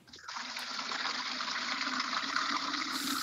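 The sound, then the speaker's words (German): Water gushes steadily into a bucket that is being filled to carry water to young fruit trees, a continuous rushing stream whose hollow tone rises slightly as the container fills. No one speaks. “Das fülle ich auf einen Behälter aus, ich kübel das Wasser und tauche den Kübel zu den Bäumen hin.”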